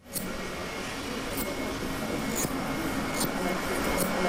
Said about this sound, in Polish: Nożyczki, które są ze szlachetnej stali damasteńskiej. Mają one swój charakterystyczny dźwięk i oczywiście właściwości.